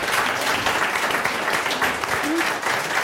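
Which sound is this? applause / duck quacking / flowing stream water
applause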